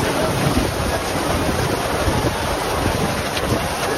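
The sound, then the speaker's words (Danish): Loud, constant roar of an evening storm with heavy rain and strong wind at the Tønder Festival grounds in Denmark, battering the microphone, a dense unbroken rush of noise with gusty low rumbles throughout and no voices. “Store mængder regn og blæst fik i aftes Tønderfestivalen til at aflyse sin afslutningskoncert på Open Air-scenen.”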